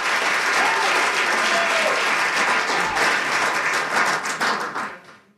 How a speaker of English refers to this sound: But how about a round for applause for our... There we go. That's what we're talking about.